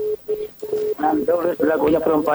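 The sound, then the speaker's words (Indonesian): Three short, steady telephone tones pulse in quick succession, then cut off as a voice comes on the line, as a call to a call-in program is picked up and answered on a regular phone line rather than WhatsApp. “Kita angkat nih pali dulu dari telepon biasa.”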